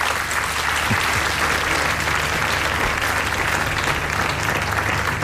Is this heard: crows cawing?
no